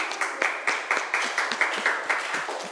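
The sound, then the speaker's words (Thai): A class of students claps for a classmate who answered the teacher's question with "oil paint", in a steady, fairly quick rhythm of sharp, bright hand claps, moderately loud and continuous for a few seconds, with no one talking over it. “สีน้ำมันครับ สีน้ำมันขอเสียงปรบมือให้เพื่อนหน่อยครับ”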